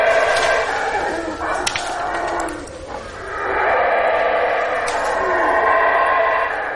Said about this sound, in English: Of course, belligerent howler monkeys are hard to anticipate. Who'd have thunk, right?